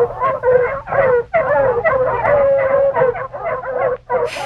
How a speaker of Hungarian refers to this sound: Arra ébredt, hogy a távolban égtelenül ugattak a kutyák. De egy egész csomó kutya lehetett, és hol közelebb, hol távolabb hallatszott a hangjuk. Valamit hajszoltak.